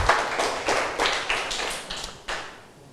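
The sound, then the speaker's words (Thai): A group of students in a broadcast maths lesson claps for all the students after they recite a formula together, about nine sharp, bright claps roughly a third of a second apart, with no talking, gradually softening toward the end. “ปรบมือให้นักเรียนทุกคนหน่อยนะครับ”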